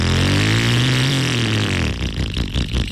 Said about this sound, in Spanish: Es más, apaga esa moto.